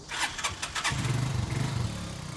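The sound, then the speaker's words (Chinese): A motorcycle engine, for a father and son riding to the mountains on a clear day, starts with a few sharp cranking bursts, then settles into a steady, low, throbbing idle, moderately loud, with no voices. “父子两人要先骑摩托车，然后步行一段路程才能到达。”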